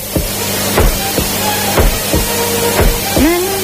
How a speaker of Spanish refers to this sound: Porque además de esos latidos del corazón que se hicieron con un bombo